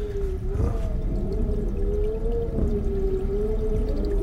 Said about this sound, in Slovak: Župan by som si mal. Ten je v skrini. a tá vrzga. Všetko tu vrzga.